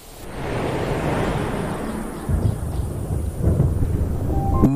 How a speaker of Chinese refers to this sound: 雷声在平原上回荡。雨季来临了，干涸的大草原再次被雨水浸润，动物大迁徙即将开始。